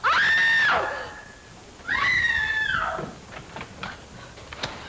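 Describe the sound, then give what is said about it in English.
Two long, shrill screeches, each about a second, rising and holding before breaking off, followed by a run of scattered dull thuds like blows against a wall, with no talking. “What's all the racket? Pounding on walls, screech?”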